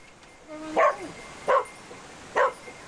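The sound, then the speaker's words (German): A female rescue dog barks three times in a steady, evenly spaced rhythm, each bark loud and sharp against quiet background noise, signaling that she has scented a person trapped among rubble during a rescue training exercise in Lemwerda. “Bellen bedeutet, dass der Hund jetzt hier eine Person wahrgenommen hat und dementsprechend hier jetzt auch die stärkste Witterung austritt und dementsprechend der Hund hier jetzt anzeigt, dass eben hier eine Person ist.”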